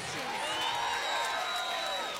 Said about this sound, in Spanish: La recibimos con un fuerte aplauso